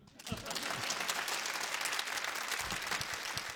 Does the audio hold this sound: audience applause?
yes